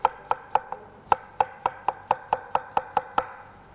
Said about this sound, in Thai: แอปเปิ้ลแดงเราได้แอปเปิ้ลแล้วนะคะหั่นลงไปเลยแอปเปิ้ลที่เราใช้เราควรจะเลือกขนาดที่เท่าๆกันนะคะ